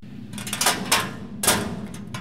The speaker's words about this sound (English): Remember trying to open a school locker for the first time? Spinning the dial, holding a small slip of paper with the code, turning clockwise to the first number, then counterclockwise to the next, hopefully pulling on the lock.